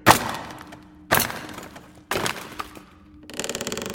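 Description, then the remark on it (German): A hammer and chisel strike a heavy wooden crate marked Deutsche Wehrmacht, prying it open: three sharp, heavy strikes land about a second apart, each ringing briefly before fading, followed by a dense crackling, splintering rasp as the crate gives way. “Ja, hier ist ein Hammer und ein Meißel.”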